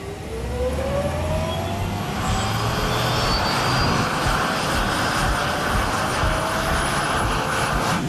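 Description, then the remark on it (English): A small propeller aircraft engine roars steadily, its droning pitch climbing as the plane powers up for takeoff and leaves the ground carrying Caleb Cooper on his first flight, with a broad rushing wash of engine and wind noise throughout. “Caleb Cooper has left the ground for the first time in his life.”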